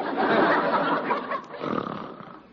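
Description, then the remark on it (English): A man snores: a long, rasping, throaty breath followed after a brief pause by a second, slightly shorter rumbling snore, fairly loud and with no talking. “Good grief, how that man can snore.”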